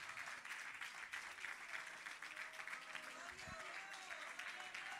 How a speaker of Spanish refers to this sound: Le damos palmas de alabanza a nuestro Dios, hermanos.